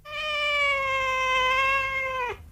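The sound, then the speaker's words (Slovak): A person imitates a cat with one long, sustained meow lasting about two seconds, steady and fairly loud, ending in a quick downward slide. “Okrem psej reči som si obľúbil aj kocúrčinu. Hovorím asi takto.”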